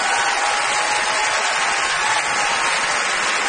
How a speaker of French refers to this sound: qu'on applaudit.